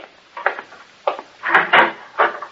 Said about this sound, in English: Hey, who's calling at this time of night? Well, good way to find out is to open the door.